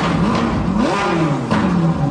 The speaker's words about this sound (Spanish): Ese ruido típico del motor entre un trueno y un león que todos reconocen del auto rojo quizás más famoso del mundo.